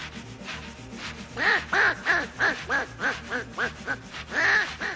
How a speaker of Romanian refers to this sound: Trenulețul e grozav, dar are un claxon să jur că-i rață.